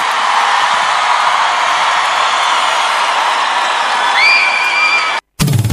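A large crowd applauds and cheers loudly and steadily, with a couple of rising whistles or whoops near the end before the sound cuts off abruptly.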